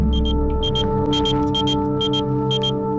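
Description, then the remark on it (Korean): A pager beeps in quick high-pitched double chirps, repeating steadily about every half second over a low, constant electrical hum. No one speaks. “호출기가 울린다.”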